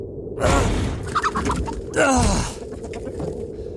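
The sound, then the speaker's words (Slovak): A rooster clucks in two short, harsh bursts about a second and a half apart, fairly loud over a steady low background hum. “Pozri, kohútik.”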